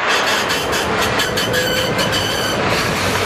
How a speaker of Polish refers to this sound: Co to był za tramwaj, co odjechał? To był... Soul Tram!